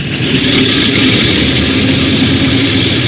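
A propeller aircraft engine roars at a steady, loud drone, a dense continuous rumble with a buzzing whine that holds evenly throughout, with no voices, as starboard engine 1 of the Skyliner, flight 35, is started during the takeoff check.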